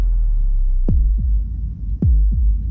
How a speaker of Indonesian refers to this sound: Ini suara detak jantungmu saat dibangunkan alarm. Dan tahu hal yang tidak mengenakan akan terjadi.